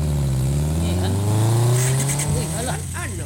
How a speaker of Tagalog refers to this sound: May motor.